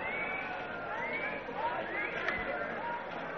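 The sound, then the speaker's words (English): A bustling crowd murmurs steadily, many overlapping voices blending into a continuous babble with no single speaker standing out, holding an even level throughout. “Vicky has spotted Katarina moving through the crowds.”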